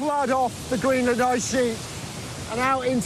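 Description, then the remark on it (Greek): A steady, powerful rush of a meltwater river flowing across an ice sheet roars continuously and broadly, while a voice talks in short bursts over it. “κάθε μικρό ωριάκι, κάθε ρεύμα ποταμού πάνω στο παγοκάλυμα καταλήγει σε ποτάμι, σε αυτό το ποτάμι”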